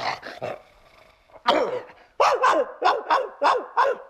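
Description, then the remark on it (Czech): A dog barks repeatedly and loudly at a culprit at the door of an apartment in a comedy sketch, a few quick yaps followed by a rapid string of sharp, evenly spaced barks with no talking. “Provinilý je u dveří bytu zmasakrován psím štěkotem a my pro ten štěkot už máme odborný název.”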